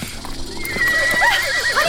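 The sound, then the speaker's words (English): A horse named Honeysuckle, startled by a snake crossing the path, whinnies loudly, a shrill, wavering neigh rising and falling for a second or so, with faint hoof clops in the background and no talking. “No, the horse doesn't see it.”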